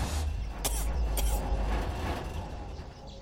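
A race car, the Quantumador, roars up with heavy low rumble, two sharp clicks cutting through as it brakes hard with full brake engagement on all four tires, the engine noise easing off toward the end.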